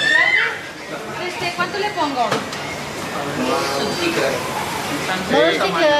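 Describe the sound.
Busy chatter at a fish stall in the municipal market of Pere Garau in Palma: several voices overlap over a steady crowd murmur, with a sharp clatter partway through and a lively, continuous bustle throughout.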